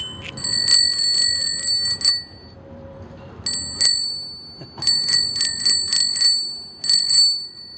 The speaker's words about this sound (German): Das war das Fahrradklingeln.